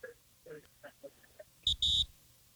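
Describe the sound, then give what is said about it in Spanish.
A phone buzzes with incoming message alerts sent by radio listeners: two loud, harsh electronic buzzes, a short one then a longer one, following a few moments of faint speech. “Escuche, así está mi teléfono ya.”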